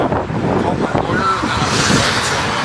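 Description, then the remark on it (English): Steady, loud roar of traffic rushing past on a busy road, with a constant windy whoosh and muffled voices talking underneath throughout. “Aside from him having to constantly ask her to repeat herself, but I understand that it is loud. Yeah, his car is flying by everywhere.”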